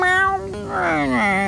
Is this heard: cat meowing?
yes